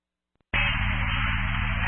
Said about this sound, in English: Static only.